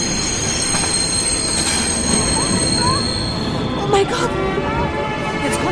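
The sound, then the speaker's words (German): A train rolls into a station with loud, sustained high-pitched wheel squeals over a steady rumble, with a brief louder clunk near the end. “Wieder fährt der Zug in den Bahnhof.”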